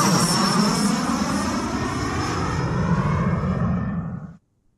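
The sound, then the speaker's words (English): A loud, steady airplane engine roars with a broad rushing drone and a faint high whine, holding constant for several seconds before cutting off abruptly. The plane is waiting to fly passengers to Las Vegas. “I am on my way to a plane waiting to take us to the … show in Vegas”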